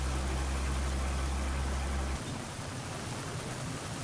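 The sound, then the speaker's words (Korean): A large delivery truck's engine idles with a deep, steady rumble, then cuts off about halfway through, leaving a constant rain-like hiss. No one speaks. “대형 배달 트럭 도이산 크앙은 어디서건 주차가 쉽지 않다.”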